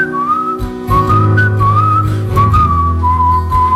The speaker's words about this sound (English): Like what if we're just up on horsebacks like Three Amigos and we're wandering through the desert and we're whistling?